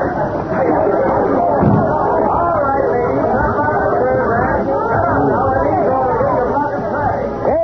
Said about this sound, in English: something must have happened. Look at that crowd. I'll get out and see what it's all about.